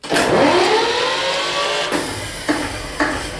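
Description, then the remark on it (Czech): An old working diesel generator engine, more than 60 years old, in a former underground shelter of the railway headquarters in Šumperk, cranks with the decompressor engaged and starts up, a loud continuous roar whose pitch climbs as it spins up, followed by a few sharp bursts as it settles. “Dnes se z něj stává neobvyklý turistický cíl, no a návštěvníci si mohou prohlédnout nejenom původní technické vybavení, ale i funkční dýzlový agregát starý více než 60 let. Já zapnu dekompresor a motor se natočí.”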